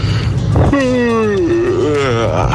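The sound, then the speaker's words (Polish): A long, exaggerated human yawn on a Radio SK morning programme, voiced and drawn out for nearly two seconds, its pitch gliding downward and then wavering up and down over a steady low rumble. “Najdziwniejsze ziewnięcie?”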